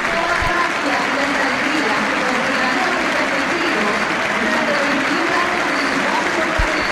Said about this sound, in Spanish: Minuto 10, minuto de reconocimiento para Messi, la gente de pie. La gente lo aplaude. Escuchen, escuchen.